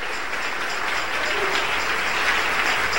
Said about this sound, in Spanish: Hermano, cuando usted aplauda, aplauda recio, amén.